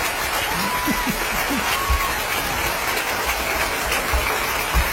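A crowd claps steadily throughout, a dense, even wash of applause at moderate loudness with no clear pauses or individual claps standing out.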